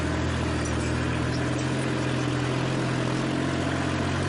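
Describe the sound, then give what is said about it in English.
A small four-wheel drive tractor engine drones steadily as it pulls a tiller tool through a field being prepared for planting a cover crop in the fall, a low rumbling hum with a gritty texture, running continuously with no one speaking. “To pull this kind of a tool that I'm using here with a tractor this small that was not a four-wheel drive tractor would be very difficult.”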